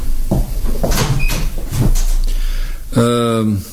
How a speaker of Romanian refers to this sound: Închide ușa acum.